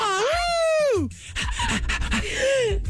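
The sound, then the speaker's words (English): A woman lets out a long, wavering wolf-like howl that rises and falls for about a second, followed by shorter breathy yelps and vocal noises, as she tries to sing the melody of a song. “You sound like … and ….”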